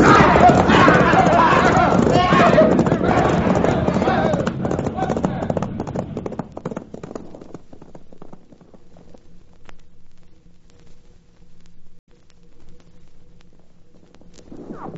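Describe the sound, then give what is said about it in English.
A group of horses ridden by men gallops past, their hooves pounding in a dense, rapid clatter that is loud at first, then fades steadily until only faint, scattered hoofbeats remain. “Turn those horses, boys, and let's get out of here!”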